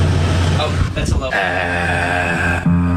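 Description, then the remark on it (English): An air conditioner hums steadily with a low, tonal drone. Near the end a voice joins in, humming a low note along with it. “What note is the AC?”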